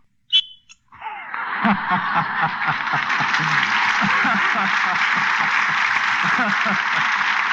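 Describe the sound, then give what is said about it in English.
Betty Bacall blows a special whistle once, a short, sharp blast ringing out, then a large audience breaks into loud, sustained applause that continues to the end. “It's Betty Bacall blowing the special whistle which he carries for that special purpose.”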